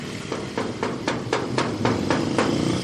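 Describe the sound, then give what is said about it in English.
A steady run of about nine sharp knocks on the door of a house, evenly spaced and quick, sounds over a low, constant rumble. No one speaks. “We knocked, waited, and waited, but we could see no one had been here for a long time.”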